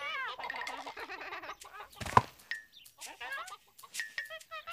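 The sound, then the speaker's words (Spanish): A hen clucks busily and almost continuously while eating spaghetti-like food from the ground, with short, throaty, rising calls, interrupted midway by a sharp scuffing burst before the clucking resumes in quieter, broken bursts. “¡Y miren eso! ¡La gallina come espagueti!”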